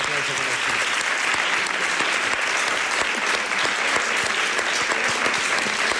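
A room full of people claps steadily for several seconds, a dense, sustained round of applause at close range with no pauses.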